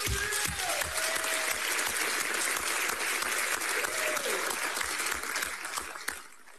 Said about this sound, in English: Can we have a round of applause for all of our candidates?